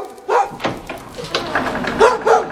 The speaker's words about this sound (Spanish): ¿A quién le estará ladrando el perro?